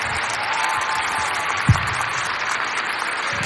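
A crowd at a live Bulgarian music performance in front of a church applauds a band, clapping steadily in a dense, even wash of applause at moderate volume, with one brief low thump partway through and no voices standing out.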